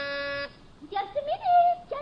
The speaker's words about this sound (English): And I'll press the buzzer.